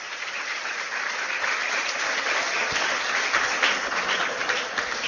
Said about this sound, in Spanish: Un aplauso, señores, aquella que está allá, 88.